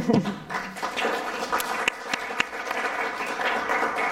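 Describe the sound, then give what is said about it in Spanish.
Steady applause from an audience, a dense wash of many hands clapping at an even level for several seconds, with a few sharper individual claps standing out. “Bueno, aplauso para después, para el final.”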